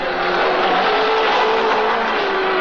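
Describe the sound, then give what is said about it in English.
A new Rover 3500 car from Leyland Cars drives past, its engine humming steadily in a loud, continuous drone with a slightly rising pitch and road noise, with no one talking. “The new Rover 3500, sir.”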